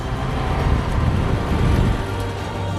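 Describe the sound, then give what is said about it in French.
A vintage Herald car's engine rumbles steadily as it drives off, with a dense, low, continuous drone and broad road noise at an even loudness throughout, and no voices. “En route! C'est l'une des plus belles Herald en circulation.”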